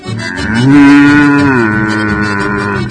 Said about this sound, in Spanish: Bueno, se enoja la vaca acá.